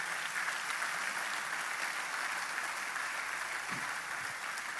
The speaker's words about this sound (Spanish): ¿Podemos darle un aplauso?